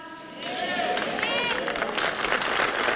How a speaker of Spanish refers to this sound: Ah, dale fuerte ese aplauso a las promesas de Dios en tu vida, a la paciencia del Espíritu Santo mientras nuestra fe va creciendo.